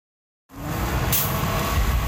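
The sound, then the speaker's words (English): A large OC Transpo double-decker bus, one of the last 10 in Ottawa, rumbles with a steady, loud engine drone, and a brief hiss of air brakes cuts through partway as it pulls in to stop at Tunney's Pasture Station. “One of the last 10 double-decker buses in Ottawa pulls into Tunney's Pasture Station.”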